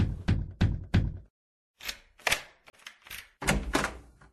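Three quick, firm knocks on a door, evenly spaced, as an old father knocks at his son's house, followed by a short pause and some muffled movement and shuffling sounds.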